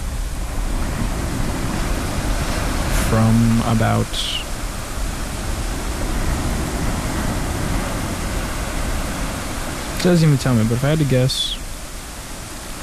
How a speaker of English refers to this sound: Thunderstorm, rain, and ocean waves. Healing sounds of nature.